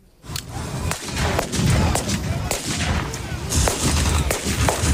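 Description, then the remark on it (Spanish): Sharp gunshots crack repeatedly over a steady rumbling background, in irregular bursts of firing, with a loud, continuous battle-like din throughout. A historical reenactment of the Spanish Civil War Battle of Brunete in Brunete, Spain, among armored vehicles and anti-tank guns, with explosions. “Sí, con ese ambiente, rodeados de vehículos blindados y anticarros, y entre explosiones y disparos, varios grupos de recreación histórica de toda España y hasta participantes de Estados Unidos y Reino Unido”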